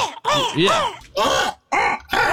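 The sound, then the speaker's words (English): A person imitates a crow with four loud, raspy, gargling caws in quick succession, each call bending up and down in pitch, separated by short pauses. “that kind of gargle sound, I would always do a crow sound like, right.”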